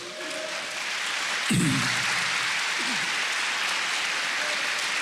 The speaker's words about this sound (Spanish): Yo creo que el Señor se merece un aplauso, ¿cierto?